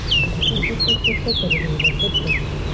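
A Eurasian blackcap sings a quick, jumbled run of high, clear whistled notes, many sliding downward, steady over a low background rumble.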